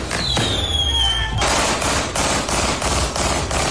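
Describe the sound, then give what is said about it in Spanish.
A rapid burst of gunshots fired into the air rings out in close succession, loud and sharp, after a brief whistling streak like a rising firework, at a symbolic wake in Quilicura where fireworks were also set off; the bangs keep up a steady, crackling rhythm with no one talking. “Con disparos al aire, fuegos artificiales, un auto quemado y sin detenidos, terminó un velorio simbólico en Quilicura.”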